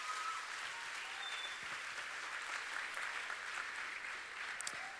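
A room full of people claps steadily for several seconds, a dense, sustained patter of applause with no voices standing out.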